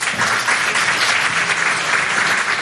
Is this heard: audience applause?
yes